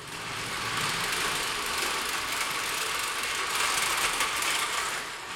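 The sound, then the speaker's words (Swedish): A big tow truck engine, started with a push button at a car repair shop, swells up within the first half-second, then keeps running with a steady, loud, gritty mechanical roar, uninterrupted, with no voices. “Han trycker på startknappen. Den stora motorn går igång med ett mullrande ljud.”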